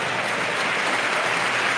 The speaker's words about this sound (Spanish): Ovación del Molinón.